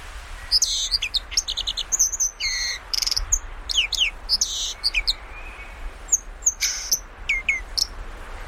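A song thrush sings some of its last songs of the season in mid-June: a run of loud, bright phrases, each note repeated several times in quick bursts, with brief pauses between. A steady faint outdoor hiss sits underneath.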